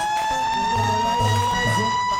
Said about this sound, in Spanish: enciendo mi alarma.